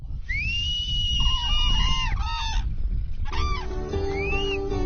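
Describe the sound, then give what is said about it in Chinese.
A flock of cranes, drawn by a whistle to eat corn scattered on the ground, calls in overlapping, loud, high trumpeting and bugling cries, some rising and falling in long sweeps, with a low rumbling background throughout. “成群的飞鹤都被口哨吸引过来，开始吃散落在地上的玉米。”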